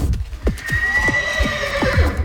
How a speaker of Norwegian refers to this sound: En fjordhest, det en av de mest fantastiske skapningene på vår jord, vil jeg tørre å påstå.